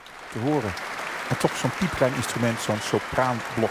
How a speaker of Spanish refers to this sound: Continuaban los aplausos entusiastas en esa gran sala del Concertgebouw para la increíble y virtuosa interpretación de Lucy Horsch a la flauta de pico de una obra en origen escrita para oboe.